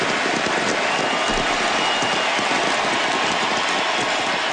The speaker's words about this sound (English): Yes, they would not stop cheering for Lionel Messi last night. The Argentine great appeared for the last time for his national team, scored a penalty goal in a 3-0 win over Benin.